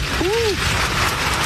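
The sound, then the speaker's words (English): Heavy rain pours down in a dense, steady hiss that fills the whole clip, with a brief rising-and-falling vocal exclamation heard near the start. “It is coming down like crazy.”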